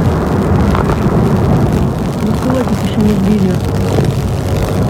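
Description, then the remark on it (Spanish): A loud, continuous roar and deep rumbling of missiles and wartime blasts fills the whole stretch, heavy, with faint indistinct voices buried beneath the din. “Ese sonido de los misiles y ese sonido de la guerra está marcando también los mercados.”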